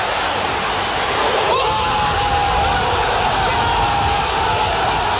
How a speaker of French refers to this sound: Et vous allez entendre la réaction des supporters marseillais. T'étais au cœur du COP.